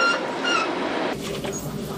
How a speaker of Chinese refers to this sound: 在内燃机车的牵引下，列车驶离格尔木车站。